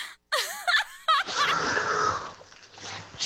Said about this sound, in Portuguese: tá ficando pior essa tua respiração aí, hein, velho?